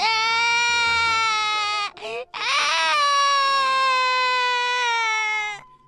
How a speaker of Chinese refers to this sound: 可杰克紧紧地抓住水桶，不想给莉莉。他哭着说：“ 不，我的，我的。” 莉莉使劲地想抢过水桶，杰克的哭声越来越大。